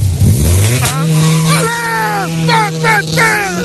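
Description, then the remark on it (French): Rally car number 37 of the Poiquets team idles at the start line with a deep, steady rumble while the driver blips the throttle several times, the revs climbing and falling in quick, loud bursts, seconds before the start. “Départ dans 15 secondes et je peux vous dire, écoute le bruit. Mais comme un gros matou, il ronfle.”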